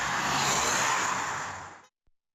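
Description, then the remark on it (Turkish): A dense, steady roar of holiday road traffic at the entrance to Muğla, Turkey, with cars idling and rolling in a 22-kilometre queue starting in Menteşe district, for about two seconds, then it cuts off abruptly, followed by a faint click. No one speaks. “Öte yandan tatil için yollara düşenler Muğla girişinde trafiğe neden oldu.”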